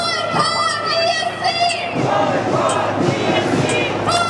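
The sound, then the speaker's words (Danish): A crowd at a demonstration in Vienna against Israel's participation in Eurovision and the war in Gaza chants slogans such as "Boycott Israel, boycott Eurovision", many voices shouting in unison with a steady, rhythmic cadence that holds loud throughout. “Boykot Israel og boykot Eurovision, råbte demonstranterne.”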